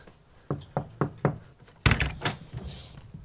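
Four sharp, evenly spaced knocks rap on the door of a home in Gagnac-sur-Serre, France, which has no bell, in quick succession, followed by a louder burst of thuds and clattering, with no one speaking.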